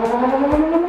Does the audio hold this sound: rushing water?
no